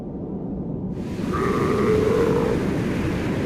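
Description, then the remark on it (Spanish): A single drawn-out call of a seal of the Antarctic Ocean, among the ice and the ocean: a wavering, bleat-like moan lasting about a second that rises over a steady low rumble of wind or water noise. No one speaks. “Entre el hielo y el océano, las focas esperan.”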